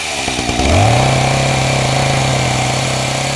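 A chainsaw engine sputters, then revs up sharply and settles into a loud, steady buzzing drone, running continuously without any voices.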